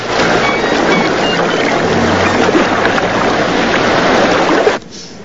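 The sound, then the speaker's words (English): Shallow waves in a bay lap and wash over a rock among stray leaves of kelp under gleaming sun, in a steady, fairly loud rush with no voices, cutting off abruptly just before the end. “Shallow waves lap over Mac's silver watch, lying forgotten on a rock amidst stray leaves of kelp.”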